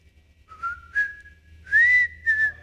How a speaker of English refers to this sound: That's all he whistles, the Andy Griffith Show. And I can't do it near as good as he can.